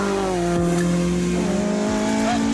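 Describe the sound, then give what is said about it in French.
A loud Honda engine, mounted at the rear of a classic Mini with over 250 horsepower, holds a high, steady revving note with strong harmonics, the pitch sweeping slightly up and down, raw and unmuffled through a straight-through exhaust. “dans une mini classique avec plus de 250 chevaux à l'arrière, un moteur Honda qui prend des tours de malade.”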